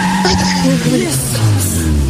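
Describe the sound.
A car engine hums steadily while tires squeal and skid in drawn-out, wavering screeches, loud, with faint voices mixed underneath.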